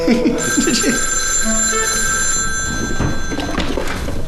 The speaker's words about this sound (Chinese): 喂。哦，稍等，局长，电话。